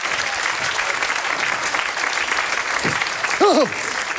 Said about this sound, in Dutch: Applaus!